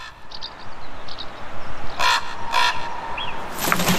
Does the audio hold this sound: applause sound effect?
no